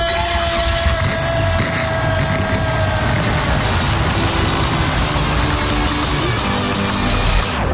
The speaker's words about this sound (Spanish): Drivers, start your engine.